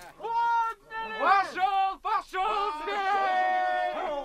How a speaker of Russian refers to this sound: И вдруг... Это загонщики кричат, шумят. Ага.